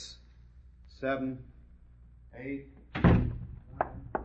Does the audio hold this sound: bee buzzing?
no